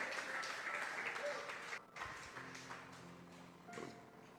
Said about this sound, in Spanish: Dele palmas al Señor.